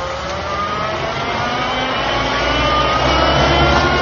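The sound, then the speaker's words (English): The heavy engine of a limousine that looks exactly like a truck rumbles loudly and steadily in a parking lot, its pitch climbing slightly as it revs and pulls away, with no voices over it. “It awaits you in the parking lot. How kind. But don't be surprised if it looks like a truck.”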